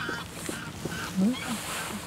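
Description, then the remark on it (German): Greylag geese honk in a couple of short, nasal calls over a steady outdoor ambience on a full-moon night during a canoe trip, with faint background chatter of other creatures. “Das sind die Graugänse.”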